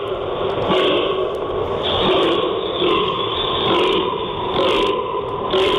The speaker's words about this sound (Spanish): ¿Qué sonido es este? ¿De quién hace este sonido? Vamos. Es la ronca del gamo. Muy bien. A continuación de lo que es el momento de la berrea.